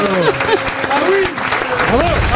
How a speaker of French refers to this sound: On peut applaudir Ariel Dombas.